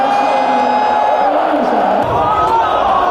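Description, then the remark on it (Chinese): A large arena crowd at The International (TI) DOTA 2 tournament in Shanghai roars and cheers continuously, a dense wash of voices with whoops rising and falling, loud and sustained throughout with no single voice standing out. “感受一下现场这个氛围，欢呼声是此起彼伏的。”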